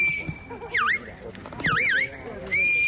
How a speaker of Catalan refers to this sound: A partir dels xiulets i crits dels pastors, els gossos han anat conduint els ramats per superar les proves plantejades pel jurat.